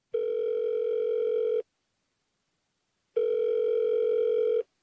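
Two steady, buzzing telephone ringback tones, each lasting about a second and a half with a silent pause between them, heard clearly and alone as a phone call placed to ask about a goods shipment connects.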